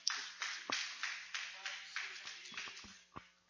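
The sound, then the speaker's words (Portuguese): An audience at a morning church worship service claps together to welcome the preacher, in a steady, even rhythm, about two claps per second, with crisp moderately loud bursts that carry on without a break. “Vamos receber o servo de Deus com as palmas bem alegre para Jesus.”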